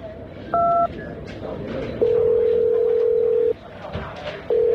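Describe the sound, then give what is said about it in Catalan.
A short two-tone keypad beep, then a steady telephone line tone that holds for over a second, pauses, and starts again, clear over a low murmur of background noise. “Truca qui calgui i som-hi.”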